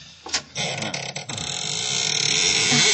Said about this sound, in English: Doesn't sound as though that door had ever been opened. Well, a little oil on the hinges will fix that, all right.